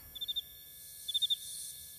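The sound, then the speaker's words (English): A male cricket chirps twice by rubbing its wings, each a quick burst of about four shrill pulses, separated by a short pause, over a faint steady background hiss. “That's because in this insect family, it's the male cricket that makes all the noise.”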